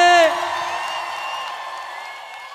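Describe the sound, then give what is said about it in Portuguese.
A crowd shouts and whoops together, a loud burst of overlapping voices that rises sharply at first, then holds as a sustained roar that slowly fades over a couple of seconds. “solta um grito que eu quero ouvir.”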